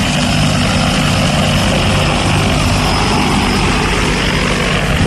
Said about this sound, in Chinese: 那里我们呢喷洒农药啊、打肥料啊，就用无人机。